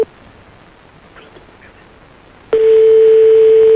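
A phone line tone from a call to a mobile phone: a short beep at the start, a quiet pause, then a loud, steady, buzzy mid-pitched tone that holds until the end. No one speaks.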